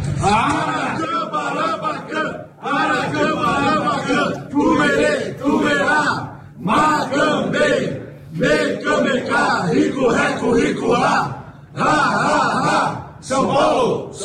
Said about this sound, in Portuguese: Então, agradecendo a Deus que estamos todos também com saúde, vamos lá hoje gritar o nosso grito de guerra. Vamos lá.